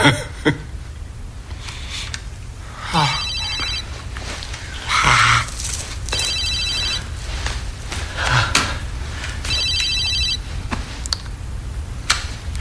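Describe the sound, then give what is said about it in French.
A mobile phone rings in repeated electronic bursts, roughly three rings spaced a few seconds apart, over a steady low background hum with a few scattered clicks and knocks. “J'appelle son portable.”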